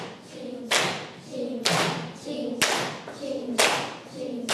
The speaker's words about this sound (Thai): ถูกต้องเราจะปรบมือตรงคำว่าฉับไหนลองทดสอบปรบมือตรงคำว่าฉับนะคะ